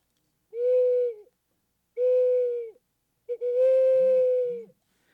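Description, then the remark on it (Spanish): A person imitates the hooting of nocturnal birds such as the horned owl or barn owl with three long, steady hooting calls, each held about a second with short pauses between; the last is longest, with a couple of faint low bumps beneath it. “Sin embargo, por ejemplo, las aves nocturnas olulean. Eso quiere decir... El búho, la lechuza. El búho, la lechuza, bueno, todos hacen esto.”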